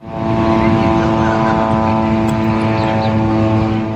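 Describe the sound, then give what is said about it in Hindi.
A steady, droning buzz of Israeli military drones hangs in the sky over Gaza, a constant whining hum with layered tones that holds at an even, fairly loud level for the whole stretch. “ऊपर आसमान में लगातार इसराइली ड्रोन्स की आवाज गूंजती है।”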